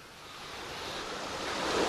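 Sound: sea waves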